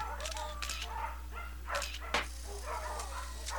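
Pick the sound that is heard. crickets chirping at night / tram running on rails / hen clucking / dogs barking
dogs barking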